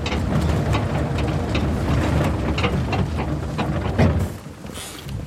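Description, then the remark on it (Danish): Riding on a tractor-pulled trailer heading back toward the harbour: a steady, loud engine rumble with wind buffeting the microphone and occasional clunks and rattles, continuous, with no one talking. “Vi hopper ombord på traktorens ladvogn igen og lader os føre tilbage mod havnen.”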